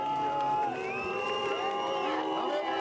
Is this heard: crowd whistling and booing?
yes